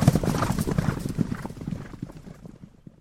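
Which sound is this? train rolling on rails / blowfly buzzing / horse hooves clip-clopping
horse hooves clip-clopping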